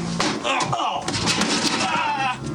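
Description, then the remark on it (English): A man fakes his own beating behind a door: loud, rapid thumps and crashing bangs tumble over one another in a chaotic burst, with a voice grunting and shouting through the racket. “As Bill fakes his own beating, Will leafs through the filing cabinet.”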